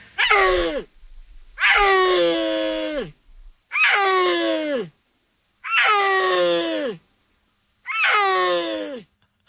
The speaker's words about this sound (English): big cats that live in the Central Asian mountains. Let's listen to a little bit of the sound. What do they sound like? Well, we have some tape that was captured on camera in northwest China in a Chinese national park sometime around 2020.